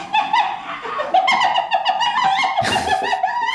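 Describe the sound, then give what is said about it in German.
A spotted hyena gives its laughing call: a rapid run of high, yelping giggles with rising and falling pitch, loud and steady for several seconds, broken by a brief noisy burst near the end. “Es ist eine Lachhyäne oder auch Tupfelhyäne genannt.”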